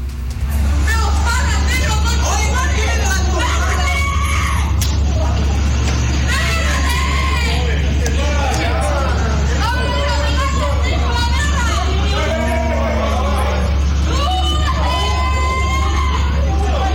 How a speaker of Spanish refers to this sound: yo primero quiero que ustedes escuchen el audio ambiente de esta pelea que se generó en horas de noche en este mismo lugar acá en La Cisterna.